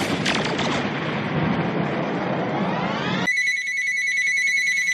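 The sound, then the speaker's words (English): A loud, noisy rumbling burst with a rising sweep cuts off abruptly, and a bright, steady electronic telephone ring takes over, high-pitched, for the last couple of seconds. “Lord have mercy, that fat phone is ringing again.”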